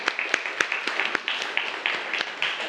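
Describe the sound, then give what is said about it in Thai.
A group of classroom students applauding a classmate who answered that the picture was the Mona Lisa, a scattered burst of many sharp claps at an uneven rhythm, with a steady high murmur of young voices underneath. “โมนาลิซาครับ ภาพโมนาลิซาปรบมือให้เพื่อนหน่อยครับ”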